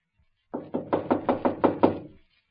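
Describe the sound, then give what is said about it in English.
Someone knocks firmly on the locked wooden door of the Chiyuk Tong headquarters, about eight quick, evenly spaced raps in a steady burst. The knocks sound clear, with no voices. “Here, I'll try the door. Locked.”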